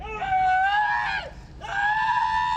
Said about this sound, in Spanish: Este es el momento en que un inmigrante es detenido por ICE en su auto y recibe varias descargas eléctricas. Testigos grabaron el momento en que grita de dolor, pide ayuda y pide un abogado.